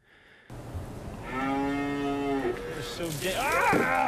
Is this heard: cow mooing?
yes